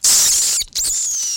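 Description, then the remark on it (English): A shrill, piercing eagle cry rings out loud, a sustained high whistle that breaks off briefly and then resumes, trailing slightly downward, with no talking. “Oh, this is an eagle.”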